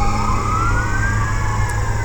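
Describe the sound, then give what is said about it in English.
Emergency sirens wail steadily as a fire engine and ambulances pass by on Blondo Street, their rising tones layered over a deep rumble of heavy vehicle engines, loud with no talking. “The fire department and some ambulances are going by on Blondo Street.”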